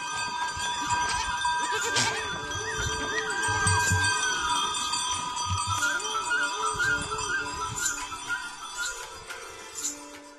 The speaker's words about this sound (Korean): 염소의 방울소리와 울음소리가 조용한 가미마을의 아침을 깨웁니다.